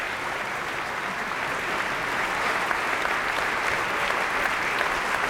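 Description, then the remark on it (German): A large theatre audience at the Staatstheater Nürnberg applauds the ensemble as they bow on stage, a dense, even roar of clapping hands that holds at a constant loudness throughout, with no voices rising above it. “Im Staatstheater Nürnberg feiert das Publikum noch das Ensemble.”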